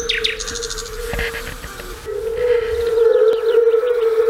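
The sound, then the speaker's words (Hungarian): A chorus of fire-bellied toads makes a steady, mellow, hooting hum that swells louder halfway through, with thin high chirps and twitters in the background and no talking. “Eddig hallottunk bogarak és rovarok énekét, madárdart, és legutóbb pedig a vöröshasú unka dalát, amiről ugyancsak Bartók Péter mondja el, hogy ez a szőlőspusztai Bartókék húgánál töltött nyaraknak az emléke lehet”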